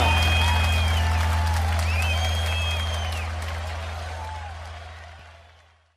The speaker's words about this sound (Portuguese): pode aplaudir. O rei do laço, bandeira colorada, é mais uma relaçada.